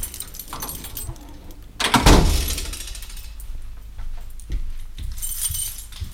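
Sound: door being opened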